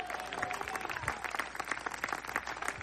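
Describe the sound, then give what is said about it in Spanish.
A crowd claps steadily for about three seconds, applauding for Christ, a dense rush of many overlapping hand claps at an even, moderate level with no voices standing out. “Dele fuerte ese aplauso si es para Cristo.”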